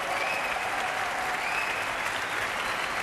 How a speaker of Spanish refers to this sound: Gran ovación ahora para la soprano